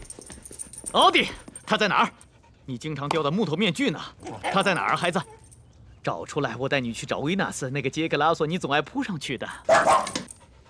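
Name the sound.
dog barking and whimpering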